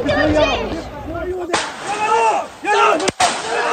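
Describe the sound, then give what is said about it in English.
Two sharp gunshots fired from down below in a village crack about a second and a half apart, each a loud, abrupt burst that rings briefly, while raised voices and shouting carry on underneath. “We've just heard 2 shots fired from down below in this village.”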